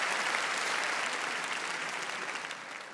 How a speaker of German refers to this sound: Applaus für Billy und für dieses fantastische Dankeschön.